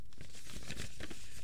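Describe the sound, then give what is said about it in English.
A sheet of paper with a radio announcement on it crinkles and rustles in a steady run of crisp, scratchy bursts, with no talking over it. “I'm making you hear the paper for dramatic effect.”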